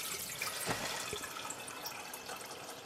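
Water pours steadily into the lower, larger pot of a double teakettle used for making chai, a continuous bright splashing hiss with a couple of soft knocks, with no voices.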